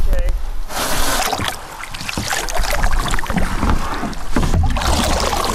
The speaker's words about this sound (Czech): Spouštíme lodě na vodu. Spouštím.